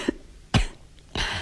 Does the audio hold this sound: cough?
yes